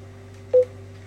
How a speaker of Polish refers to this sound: O, tu brzęczy mi głowica.